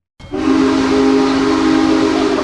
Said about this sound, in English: … went to watch the locomotive passing through the Railroaders Memorial Museum last night, and she talked to the crowd gathered there.